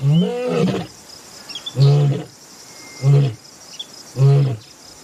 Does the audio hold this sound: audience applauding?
no